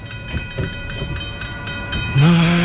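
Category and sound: vehicle, train passing level crossing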